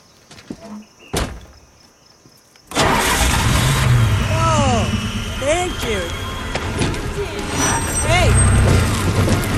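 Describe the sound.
After a quiet moment and a sharp click, a just-repaired car engine cranks and catches abruptly, then keeps running at a loud, steady rumble, with faint voices beneath it.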